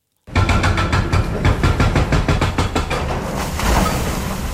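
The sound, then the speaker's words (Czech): Heavy machinery starts abruptly and roars steadily, with a rapid, regular pounding running through it: an excavator drilling through the last piece of wall of a newly dug tram tunnel in Brno, breaking it through. “Rypadlo se právě provrtalo posledním kusem zdi a jak pomalu upadávají jednotlivé kusy, tak mizí i provizorně nasprejovaný barevný obrázek brněnské šaliny.”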